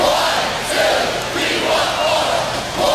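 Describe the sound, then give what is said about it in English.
A large arena crowd of Wisconsin Badgers fans at a women's hockey game roars and chants a cheer in unison, loud and sustained, with rhythmic swells of many voices shouting together. “Every Badger hockey fan knows that cheer.”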